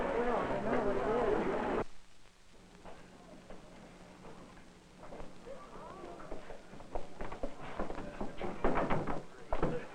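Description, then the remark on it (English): Sharp, uneven knocks sound on an outside door, repeated many times with a solid thud. Muffled voices and background noise run underneath. “Sir, someone knocking at the outside door.”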